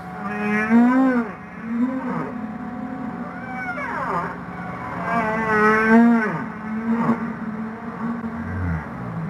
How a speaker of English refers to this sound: So humpback whale song is a means of communication, and it can move between different pods of humpback whales, which can be, you know, miles and miles apart. Partly because it's a very deep sound and it travels a very long way in the ocean.